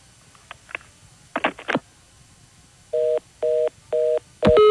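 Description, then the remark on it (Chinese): Telephone keypad dialing tones: a few soft clicks, then three evenly spaced, steady dual-pitched beeps, followed by a last brief tone at the end, clear with no talking. “拢总电话紧拨吼”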